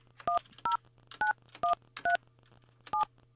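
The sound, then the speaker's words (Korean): Six short two-tone telephone keypad beeps sound in a quick, slightly uneven sequence as someone dials a phone to call a woman, each a brief bright burst over a steady low hum, with no talking. “자, 언니에게 제가 전화해 볼게요.”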